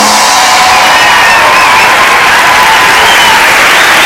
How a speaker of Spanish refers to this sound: Muchas gracias por venir, esperamos que lo paséis genial y os pedimos un fuerte aplauso para José Luis Sastre y Miguel Maldonado.